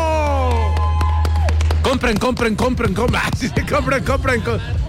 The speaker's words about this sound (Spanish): ¡Los de Polen Exa! ¡Un aplauso a toda la banda en Walmart Toreo!